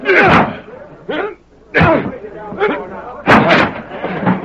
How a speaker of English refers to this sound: I didn't do it. There were three shots. They must have come from the window.